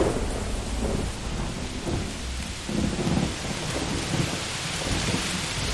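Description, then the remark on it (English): Heavy rain pours steadily in a dense hiss while low thunder rumbles and swells underneath, rolling rather than cracking, with no voices. “Together, we can weather the storm.”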